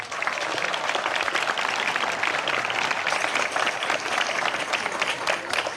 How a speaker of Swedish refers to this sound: Men först ger vi en varm applåd till vår nationaldagstalare